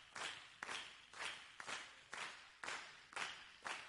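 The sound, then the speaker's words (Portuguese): A church audience claps in unison without singing, a steady rhythmic beat of about eight crisp claps, roughly two per second, with no voices over it. “Agora só palma, vai lá.”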